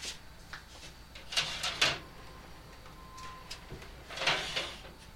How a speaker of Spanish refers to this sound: Llaman a la puerta.